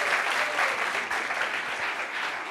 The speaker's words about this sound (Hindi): जोरदार तालियां होनी चाहिए।